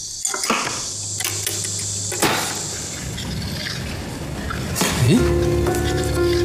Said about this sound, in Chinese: 你看啊，这个作战笔记上写的，这个声音刚好和第一次打开制导雷达捕捉 U2 的声音是一样的。